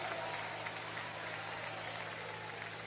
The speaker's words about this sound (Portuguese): Un aplauso, Señor. Un aplauso, Señor.